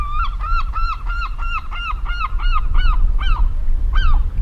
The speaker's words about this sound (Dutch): En dat hoge geluid, dat is een van de jongere vogels die daar een beetje bedelend roept. Die bruinige daarachter, ja. Een jong, waarschijnlijk van die zilvermeeuw.